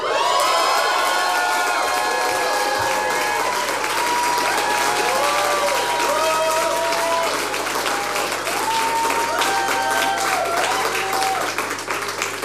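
A crowd applauds steadily for about twelve seconds, dense clapping mixed with cheers and high whoops rising above it, loud and sustained throughout.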